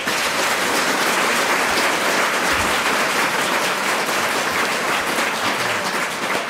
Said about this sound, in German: Zunächst Applaus für den Zerrissenen